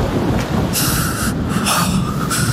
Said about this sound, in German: Jedoch war es mir nicht möglich, mich länger an diesem Anblick zu ergötzen, denn der Wind begann in einer Stärke zu tosen, die mich verzweifelt nach einem Unterstand Ausschau halten ließ, der mir Schutz zu bieten geeignet war.